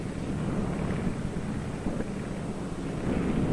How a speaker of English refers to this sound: Out over the ice, Byrd is in trouble. His starboard engine is cutting out, now stops. His one remaining engine is losing power.